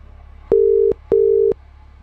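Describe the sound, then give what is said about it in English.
A telephone ringback tone as a call is placed gives one double ring: two steady, low electronic buzzes, each under half a second with a brief gap between. It is clear, with no voices. “Who are we ringing?”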